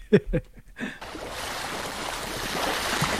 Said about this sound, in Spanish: Olas. Muy bien, correcto. Olas, el mar, sí, muy bien.